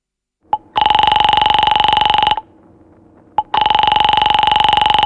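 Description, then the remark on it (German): A telephone rings twice in a steady electronic warble, each ring lasting well over a second, separated by a short pause with faint background hum. Loud, no voices. “Warte mal, es hat doch geklingelt.”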